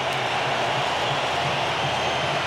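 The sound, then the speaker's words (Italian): A stadium crowd in Miami roars as Neymar comes on for Cunha during a football match, a dense, continuous wash of noise that holds steady and loud for the whole stretch, with no single voice standing out. “Allora tempestivo questo collegamento, perché è il momento di Neymar che va a prendere il posto di Cunha che lo abbraccia sorridente, autore del terzo gol, è entrato Neymar e questo è il boato dello stadio di Miami.”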